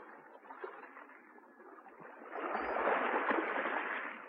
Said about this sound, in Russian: Она отвязала лодку и, неумело загребая веслами, поплыла к берегу.